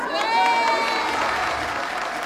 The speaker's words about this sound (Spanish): Compañeros, un voto de aplauso, pero de verdad, que se escuche hasta el oriente que nosotros estamos con nuestro presidente, compañeros.